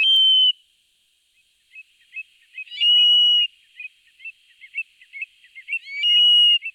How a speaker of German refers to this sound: Gesehen habe ich ihn da noch nicht. Das ist auch schwer, so ein Triel zu sehen, denn der ist 1A tarnfarben.